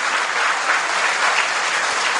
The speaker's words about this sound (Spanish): A los dos hijos, mire qué bonito, se vino para abrazarlos. ¡Aplauso! ¡Qué bonito!